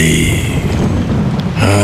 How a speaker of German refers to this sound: Regen. Also das müssen Sie sich nun wirklich nicht anhören.